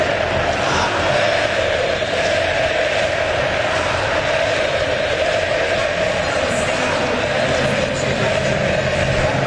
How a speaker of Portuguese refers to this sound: Pode subir o som da torcida cabulosa. Gritando o nome do Wesley, que acabou de chegar e já chegou marcando um golaço.